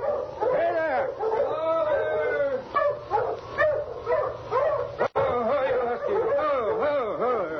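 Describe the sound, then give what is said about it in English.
A sled dog team approaching along a snowy trail barks, yips and howls together in a loud, continuous chorus, with a brief break partway through before the excited clamor resumes. “he heard another dog team approaching from up trail.”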